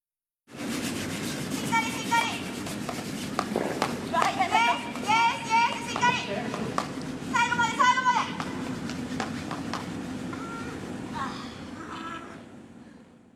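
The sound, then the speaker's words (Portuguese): Brisk, scratchy brushing of brooms as people sweep the ice during curling, in a steady rapid rhythm, continuing throughout, while an instructor calls out loudly in short bursts over it, urging them to keep the rhythm, sweep firmly and with force to the end. “Então vamos ouvir a gente varrendo agora literalmente o gelo.”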